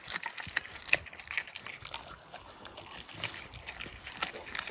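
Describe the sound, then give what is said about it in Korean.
A dog chews and crunches raw chicken bones, with wet, irregular snaps and crackles, plus sharper cracks near the start and moist gnawing sounds continuing throughout. “뼈째 씹어먹는 생닭 ASMR.”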